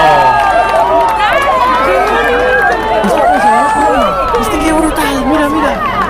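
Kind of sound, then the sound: crowd, crowd cheering and applauding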